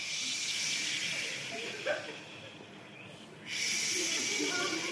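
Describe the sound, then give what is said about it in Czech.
A group of people imitate the sea on a countdown cue with a steady, breathy whooshing hiss. It briefly dips and thins in the middle, then swells back strongly. No words are spoken. “Jo, jdeme, moře, 3, 2, 1, teď.”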